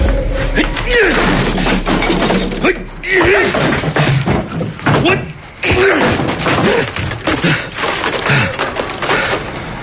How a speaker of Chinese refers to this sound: 就你刚才砸坏的那个，可是我花了十几万做的未来商业综合体的立体沙盘呢